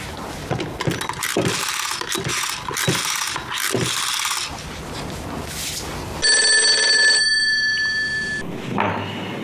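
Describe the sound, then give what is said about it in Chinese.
Busy clattering and rattling give way to a loud, shrill telephone bell ringing late at night in one sustained burst of about two seconds, with no voices. “这么晚了，谁往上打电话呀？”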